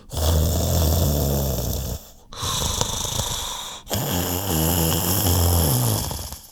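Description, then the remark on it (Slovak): Loud, heavy snoring of a wolf sprawled on a featherbed, in slow rhythmic cycles, each long rumbling inhale followed by a breathy exhale, with no talking, filling the whole recording. “Pohladkal si plné brucho a rozvalil sa navrch na perinu. O chvíľu už chrápal.”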